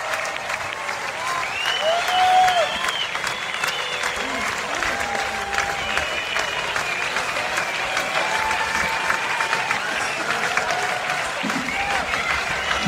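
Sustained applause from a large standing audience at the Ein Gev festival overlooking the Sea of Galilee, as performers bow on stage. The applause is dense and steady throughout, with cheers and whistles rising above the clapping and a brief louder swell early on.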